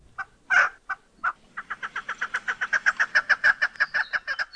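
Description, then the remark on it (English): A chukar, a game bird, calls, opening with a few scattered clucks before breaking into a fast, steady run of repeated chuck notes that grows slightly louder and keeps going. “Well, chances are it's a game bird called a chukar. They have all kinds of calls, and we've got a few for you today.”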